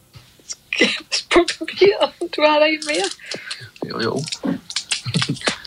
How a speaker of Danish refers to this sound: Og Maiken, hun åbner slikkepinden nu.